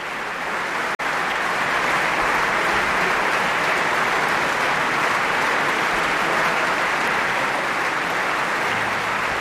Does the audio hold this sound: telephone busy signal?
no